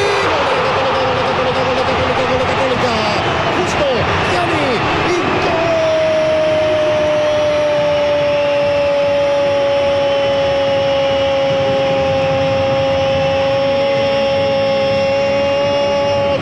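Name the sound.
stadium crowd roaring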